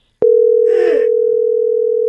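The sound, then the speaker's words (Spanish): A steady, continuous telephone tone hums loudly after the other party hangs up the call, droning unbroken for about two seconds, with a brief muffled rustle near the start. “¿Por qué me cuelga?”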